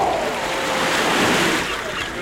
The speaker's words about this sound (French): Bien installé, au bord de l'océan, vous savourez le vent du large.